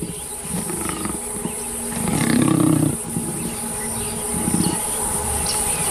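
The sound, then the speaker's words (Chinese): Lions roar and snarl while fighting a leopard, seen on a wildlife safari: rough, low growling bursts, the loudest swelling mid-clip and a shorter one near the end, over a steady high insect drone. No one speaks. “有时候大自然的生存法则会让人感到难以接受，狮子可能会杀死花豹，却并不会吃它。”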